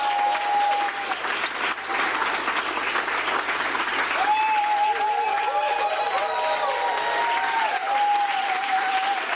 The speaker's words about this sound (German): Ja, Riesenapplaus.